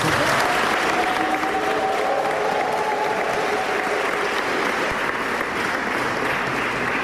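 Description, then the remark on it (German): Sustained audience applause, the first applause of the event, given for the initiator and creative head behind the Magni Longa: a dense, steady wash of clapping that holds at an even loudness for several seconds, with a faint tonal hum running underneath. “Darum gut, dass dieser erste Applaus jetzt schon einmal auf die Bühne spült.”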